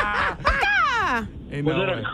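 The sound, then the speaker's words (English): A person imitates a parakeet with a loud, squawky call that sweeps downward in pitch, followed by a second, shorter chirpy burst of mimicry. “That was a parakeet.”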